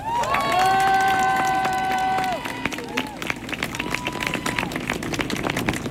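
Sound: audience applause and cheering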